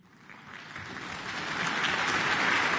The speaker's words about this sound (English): Applause for Donald Armstrong, who will be in the role of concertmaster tonight, while Vesa Martti Leppänen takes to the spotlight as soloist in this much-loved work.